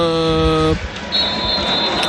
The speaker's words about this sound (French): Et ce sera trop tard, puisque vous entendez les coups de sifflet de l'arbitre. Des illusions pour le Stade Brestois, battu ce soir par le Racing Club de Strasbourg, 2-1.